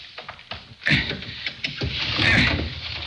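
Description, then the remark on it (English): A window being pried open with a small piece of steel: gritty scraping and creaking strains, punctuated by a few sharp knocks and a louder wrenching surge near the end. “The shade's down so we can't see inside, but I've got a little piece of steel that'll get us inside. Stand back while I do a little prying.”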